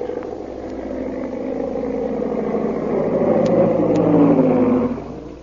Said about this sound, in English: Meanwhile, back at the plantation, a big black seaplane circles for a landing.